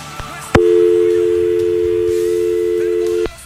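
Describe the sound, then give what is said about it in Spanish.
A steady, loud telephone dial tone on a call-in line hums continuously for nearly three seconds, starting and stopping abruptly, with faint background noise before it begins. “Vuelve y marca el teléfono”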